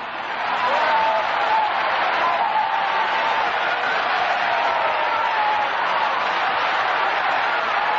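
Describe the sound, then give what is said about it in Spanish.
A large church audience claps hands to praise God at a night service, a loud, dense, continuous burst that holds steady for several seconds, with crowd voices mixed into the clapping. “Aplaude a Dios, aplaude a Dios esta noche, apláudelo. Que con tus palmadas salen los demonios, porque tu palmada está ungida por el Espíritu Santo.”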